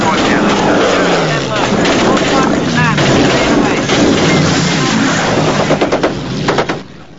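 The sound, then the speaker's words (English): Rapid bursts of machine gun fire from the ball turret of the B-17 bomber Memphis Belle rattle over a steady, roaring aircraft engine drone as German fighters attack, with a sharp run of shots near the end and voices mixed into the din. “Rascal fires from the ball turret.”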